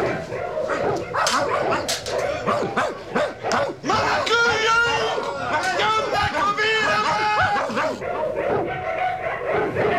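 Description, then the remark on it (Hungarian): Several dogs, being let loose, bark, yelp and whine excitedly at once, their overlapping calls loud, forming a continuous frenzied chorus that never lets up. “Engedd ki a kutyákat!”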